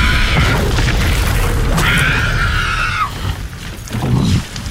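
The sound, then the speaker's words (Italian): A long, rumbling comic fart blast with a deep booming roar underneath and squealing, whinny-like tones that rise and then slide down before it sputters out. “Lo squiccio è pronto a dar fuoco! Abbasso i pantaloni e... Oddio! Mi scoppia la pancia!”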